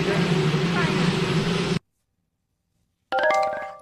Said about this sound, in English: She said later to an outlet that she might have misheard some of that, helicopter noise, et cetera.